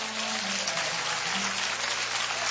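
crowd, audience applauding

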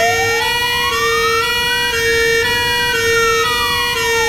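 vehicle, fire engine siren

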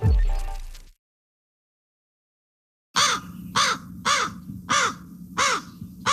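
bird, crow cawing

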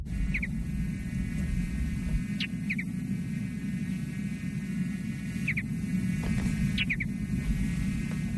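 bird, mountain bluebird song

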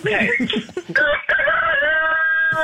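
bird, rooster crowing

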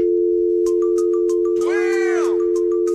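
signal or alarm, telephone dial tone

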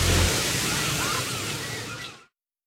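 nature, ocean waves breaking one

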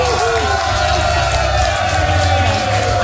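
crowd, audience applause and cheering

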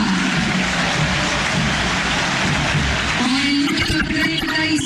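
crowd, stadium crowd applause

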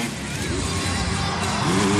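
vehicle, motorbike engine revving

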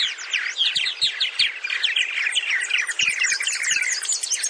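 bird, purple martin colony calls

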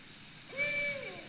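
bird, barred owl hooting

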